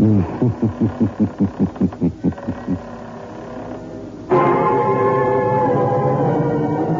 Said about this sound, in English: Where are we going? Through the creaking door, of course.